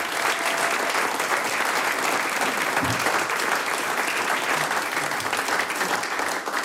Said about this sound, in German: Applaus für den gemischten Chor Bad Leupersdorf.